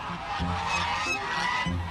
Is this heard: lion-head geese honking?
yes